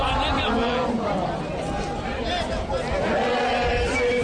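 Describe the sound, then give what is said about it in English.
A marching crowd of hundreds sings and chants together outdoors, filling the streets, a dense, loud wall of many voices that carries on steadily without pause. “The march was off to a slow start with small groups trickling into the Thokoza Park earlier, but the crowd has been swelling with a sea of hundreds now filling the streets while singing and chanting.”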